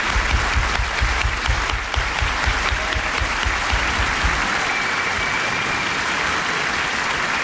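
Steady applause from a studio audience of the radio show Radioficción, for Sergio del Molino as he leaves the show and for his last interviewee, Nell Harper Lee. Dense clapping at a consistent loudness for several seconds, with no voices over it.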